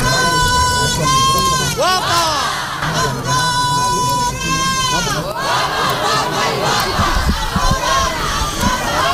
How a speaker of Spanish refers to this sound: íbamos a hablar de los chilladores, de los gritadores de nuestra procesión